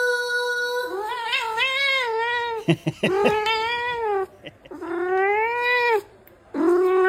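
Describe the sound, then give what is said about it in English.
A cat lets out a series of long, drawn-out meows in response to its name being sung to it to the same tune, each meow wavering up and down in pitch almost like a sung phrase, with brief pauses between them. “a cat called Serafino who responds to his name exclusively to the same tune that it's performed to him”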